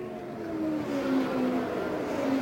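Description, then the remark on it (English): Race car engines drone steadily, their harmonic whine stepping up and down in pitch as the cars go by on the track in Indiana. Loud and continuous, with no voices. “Here they come now. And he did not catch him.”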